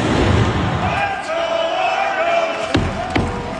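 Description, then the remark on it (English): A few loud, booming drum hits, banged by former Blue Jay Kevin Pillar, ring out over the steady roar of a stadium crowd of 16,000-plus at a Toronto Argos home game at BMO Field in Toronto, with voices cheering and shouting throughout. “That's former Blue Jay Kevin Pillar banging the drum, by the way.”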